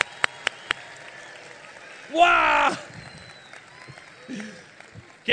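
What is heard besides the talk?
loud applause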